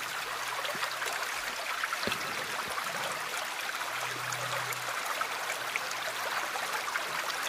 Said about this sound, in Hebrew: אז הנה לנו קצת נחל.